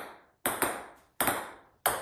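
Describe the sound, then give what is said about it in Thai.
A ping-pong ball bounces in quick sharp clicks, four hollow taps arriving in pairs and singles, each with a brief ringing decay, with no talking. “ฟังออกไหมคะคือเสียงลูกปิงปองค่ะ”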